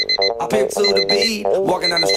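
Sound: alarm clock ringing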